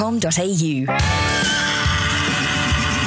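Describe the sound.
A horse whinnies loudly for about a second, its high quavering call rising and falling, then a man starts talking over a busy background.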